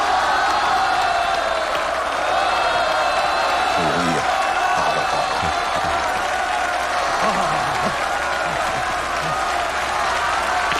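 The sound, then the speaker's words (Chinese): A large stadium crowd stands and applauds and cheers for player Liu Chunguang after he wins the second game of the match with a backhand shot. The clapping is a dense wash with shouts and whoops rising through it, loud and sustained for the full length without pause. “这时候全场观众全都兴奋地站立起来，为刘春光鼓掌欢呼。”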